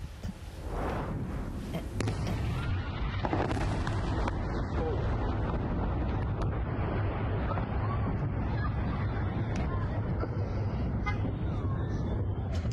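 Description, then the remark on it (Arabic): Two heavy airstrikes on buildings in Tyre, southern Lebanon, erupt into a loud, deep, sustained rumble and roar of debris that fills the whole recording, with indistinct voices faintly mixed in. “هاي الأسوار، هاي الأسوار غارتين كتير قوية.”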